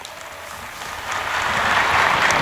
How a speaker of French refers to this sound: Et les pèlerins de langue espagnole sont nombreux, ils applaudissent. Et amis auditeurs, nous sommes toujours en direct de la place Saint-Pierre où nous suivons l'audience.